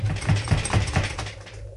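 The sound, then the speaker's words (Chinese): Heavy, dull thuds of a fist pounding on a locked door, about five blows in a steady, quick rhythm, then the knocking stops and only faint low noise remains. “死啦！拍来拍去都冇人听见嘅。”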